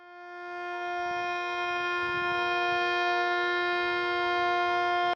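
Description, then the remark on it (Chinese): An air raid siren sounds across the city of Shenyang, Liaoning, China, at 9:18, part of a three-minute citywide alarm; it holds one steady, bright tone, swelling slightly at the start and then sustained loudly for about five seconds before cutting off abruptly. No one speaks. “9:18，沈阳全城拉响3分钟防空警报，警报声划破长空，过往车辆停驶并鸣笛，火车及轮船拉响汽笛3分钟。”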